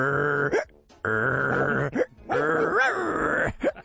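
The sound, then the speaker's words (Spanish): Three loud, drawn-out, throaty barks from a dog at an animal shelter, each held for a moment and separated by short pauses, with no talking around them. “De fondo se escuchaba el ladrido del perro que hacía lo siguiente.”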